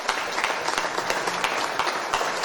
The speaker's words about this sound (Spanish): Así es, así que para todos ellos también, quienes están acá presentes, y para los que están en La Plata, para todos ellos un caluroso aplauso.